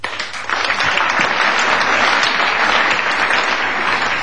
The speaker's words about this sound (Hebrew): נתחיל במחיאות כפיים כולם כאיש אחד. 3, 4!